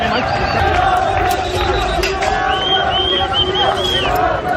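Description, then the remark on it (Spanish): A large crowd of immigrants shouts and yells continuously from the upper area of the rocks, many overlapping voices rising in loud, rhythmic chants and cries of "¡Viva la policía!" over a dense, steady babble. “A gritos de «¡Viva la policía!» gritaban ya resguardados los inmigrantes desde su altura.”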